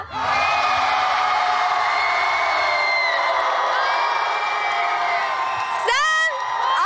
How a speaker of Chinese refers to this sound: 接下来你们的掌声和呐喊声准备好了吗？让我们一起来为我们的赫兹街舞少年团呐喊吧。